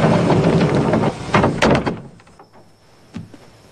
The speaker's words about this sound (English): Here he comes. He's walking in a door right now.